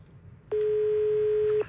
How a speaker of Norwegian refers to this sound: Men det ringer på vår jukebox-telefon, og ingenting er noe likere enn det.